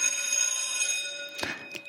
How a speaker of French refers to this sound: L'entendez-vous, la cloche qui sonne de la vieille et charmante école primaire? Ma charmante et vieille école primaire de Saint-Livre.